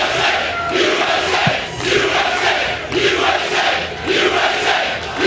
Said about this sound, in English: Nothing better than a USA chant in an event like this.